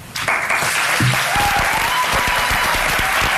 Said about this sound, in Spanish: Los aplausos de los estudiantes que estaban allí participando en esa charla que era sobre inteligencia artificial